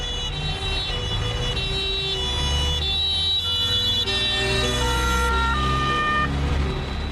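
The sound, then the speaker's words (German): An ambulance siren wails continuously, its pitch stepping between tones, loud throughout, over a low rumble of traffic or engine noise, as the ambulance carries an injured police officer back into an airport runway area. No one speaks. “Der Rettungswagen bringt den zuerst verletzten Beamten in das Startbahnareal zurück.”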